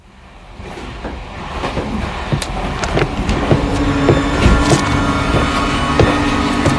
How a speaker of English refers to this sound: So, we got on our train. We had a 3.5-hour ride until we reached our final destination.